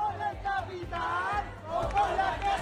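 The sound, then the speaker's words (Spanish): A dense crowd of protesters at a housing protest encampment in the Puerta del Sol, Madrid, many voices overlapping, shouts and rising chants blending into a steady, loud roar with no single speaker standing out. “Es sonido de Madrid, de la Puerta del Sol, donde dicen van a continuar pese a la creciente presión”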